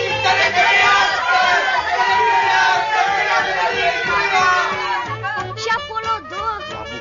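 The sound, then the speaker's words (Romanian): A crowd of about 40 onlookers on a street in Saint-Louis shouts together in chorus, loud and sustained, the overlapping cries rising and falling, with a choppier burst of yelling near the end. “La care adunați în cor o 40 de gură cască, strigară în cor.”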